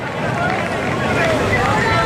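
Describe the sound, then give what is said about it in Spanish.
A live street protest crowd in the Puerta del Sol roars steadily, a dense, loud wash of many voices shouting and murmuring together without pause, with no single voice standing out. “El sonido de la protesta en directo”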